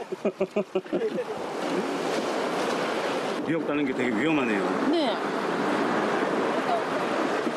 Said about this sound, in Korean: 파도 안 칠 때는 괜찮은데, 이렇게 파도 쳐.